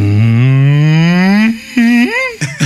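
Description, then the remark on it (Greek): On the morning show of Greek radio station Sfaira 102.2, a person imitates a depressed cow with a long, low, drawn-out moo that slowly rises in pitch, followed by two shorter, droopy moos, sounding sluggish, mournful and loud. “Αγελάδα σε κατάθλιψη.”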